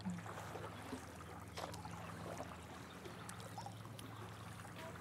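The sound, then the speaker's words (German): Paddle strokes dip into the calm water of the lake at Unterbach at sunset, a few soft splashes and trickles spaced a second or so apart, over a steady low hum with no one talking. “Wir paddeln jetzt einfach mal hier in den Sonnenuntergang von Unterbach”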